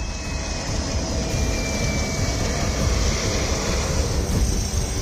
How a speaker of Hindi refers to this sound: नेपाल में आपदाग्रस्त इलाकों की हालत कैसी है, इसको ऐसे समझिए कि नुआकोट एयरबेस पर एक हेलीकॉप्टर ठीक से लैंड भी नहीं कर पाता कि दूसरा टेक ऑफ कर जाता है।